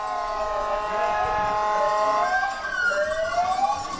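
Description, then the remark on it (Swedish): Emergency vehicle sirens wail continuously, their pitch sweeping up and down in overlapping tones, fairly loud and steady throughout with a faint background rumble and no talking. “Det är sirener här, men det är inte avfatt förutom till att NSU-avskarna vill signalera också till dammaren.”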